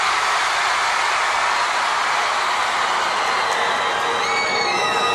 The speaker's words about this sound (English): Because I'm not used to playing for crowds this big. I'm gonna point to a part of the crowd and we're gonna see who can scream the loudest. Alright? One, two, three, this side!